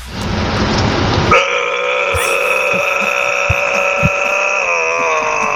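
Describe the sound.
A man growls like a metal singer: a rough, raspy burst that turns into a long, loud, sustained roar with a buzzing, strongly pitched tone, held steadily to the end.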